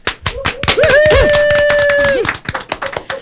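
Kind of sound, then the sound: crowd, studio audience applause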